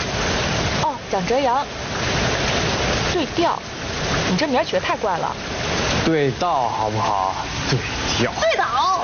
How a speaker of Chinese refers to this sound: 哎，你看那个瀑布好好玩啊。